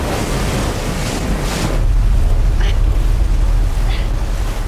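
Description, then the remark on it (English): Loud, steady rush of churning water around a hub spinning at high speed, with a deep rumbling undertone and a windy roar, punctuated by a couple of brief, higher splashy bursts near the end. “The cornucopia hub starts to spin at high speed, and the tributes cling on desperately to avoid being thrown off into the churning water.”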